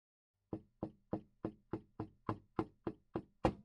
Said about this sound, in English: She knocks at the kitchen door 3 times.